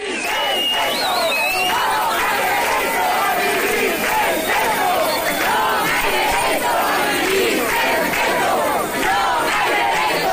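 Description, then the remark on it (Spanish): A large protest crowd of hundreds at the Puerta do Sol on a Monday chants slogans such as "Todos somos Mari Carmen" and "Vivir sen teito non ha dereito", demanding action on the housing crisis, many voices overlapping into a dense, continuous roar of shouting from start to finish. “Lo hacían para exigir medidas ante la crisis habitacional al grito de "Todos somos Mari Carmen" y "Vivir sen teito non ha dereito".”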